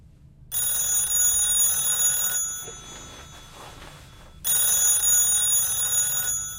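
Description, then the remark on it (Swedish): An old-style telephone bell rings loudly in Ernie's room just as he is about to fall asleep, in two long bursts, a rattling metallic ring followed by a short pause and then ringing again, with no voices. “Men just när han ska somna ringer telefonen.”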